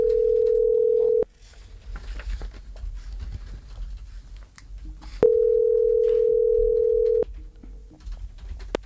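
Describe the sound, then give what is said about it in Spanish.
A steady, mid-pitched telephone tone sounds twice during a call transfer to Movistar, each a loud unbroken burst lasting a second or two, separated by a stretch of low, muffled background noise. “Llamada transferida a Movistar.”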